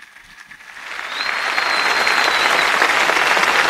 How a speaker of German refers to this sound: Diese Einladung des Papstes stimmt das versammelte Volk Gottes mit Applaus zu. Applaus, Klatschen. Ja, es ist ja wirklich eine ausgelassene Stimmung zu spüren am Hafen von Heiligenkreuz auf Teneriffa.